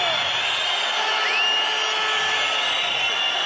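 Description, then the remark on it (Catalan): A football stadium crowd boos loudly and steadily, a dense wall of noise threaded with shrill, sliding whistles, with no voice rising above it. “Esbroncada del públic.”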